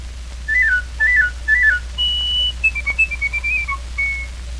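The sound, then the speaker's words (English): A piccolo plays a bright, high bird-like warble: three quick trilling figures, then a long held note followed by short chirping notes and a final sustained tone over a low steady hum. “The bird-like warble of the piccolo.”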